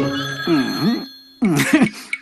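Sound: telephone ringing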